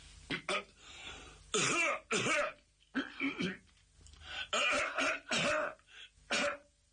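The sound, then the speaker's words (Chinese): A voice imitates a deliberate, attention-getting cough, a string of exaggerated coughs and throat clears in short uneven clusters, loud and forced with brief pauses between. “您听，这哪是正经咳嗽啊，这是有意的跟包大人打招呼。”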